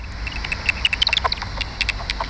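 Common pipistrelle bat echolocation through a bat detector that turns the bats' high-frequency calls into audible sound, at sunset in Stadsträdgården, Uppsala, with bats flying between the tree crowns: rapid, irregular dry ticks and short chirps in bursts, with brief quieter gaps, over a low steady rumble. No one speaks.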